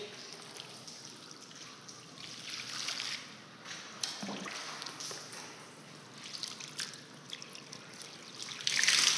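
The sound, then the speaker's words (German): Water is poured over a person lying on their belly, pouring and splashing steadily, a continuous watery rush with brief louder surges and a final burst near the end, and no voices. “So, jetzt wird er erst mit dem Wasser gegossen.”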